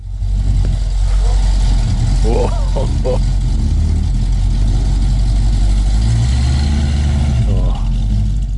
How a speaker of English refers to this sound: The Comet, classic car from the 1960s and 70s. This is what it sounded like.